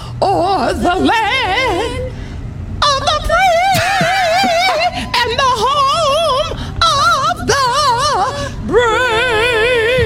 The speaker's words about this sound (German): Dafür hat die halbe Welt sie jetzt gehört, wie sie die US-Nationalhymne geschlachtet hat.